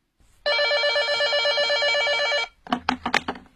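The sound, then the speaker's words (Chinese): A telephone bell rings in one continuous loud burst of about two seconds, then a few sharp clicks and clatters follow, like the receiver being picked up. “再说温秋平搁下电话不久，电话铃又响起来了。”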